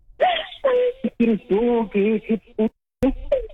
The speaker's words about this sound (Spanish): A ver, ya, deja de llorar.